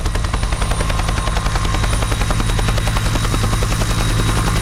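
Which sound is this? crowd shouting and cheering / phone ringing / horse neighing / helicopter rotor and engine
helicopter rotor and engine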